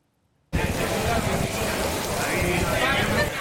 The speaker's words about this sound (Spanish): Y aquí en España han llegado ya las tormentas y lo hacen con esta fuerza. Así que cae el agua y el granizo en Pamplona.